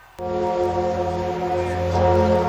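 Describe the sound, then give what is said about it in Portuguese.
Church bells across France ring out, rung for seven minutes to mark the arrival of Pope Leo XIV, in a loud, sustained peal that starts abruptly, their overlapping tones blending into a dense, humming wash of layered pitches with no voices. “Por 7 minutos, sinos de igrejas em toda a França tocaram para marcar a chegada de Leão XIV.”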